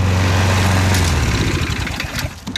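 A small petrol lawnmower engine runs steadily up close, its low idling drone shifting to a rougher, sputtering chug partway through. No one speaks.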